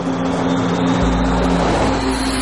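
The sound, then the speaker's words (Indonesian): A car drives along with a steady engine drone and broad road noise as the driver slows down; a deeper low rumble swells in about halfway through and holds to the end. “Aku cuma senyum sambil melambatkan laju mobil.”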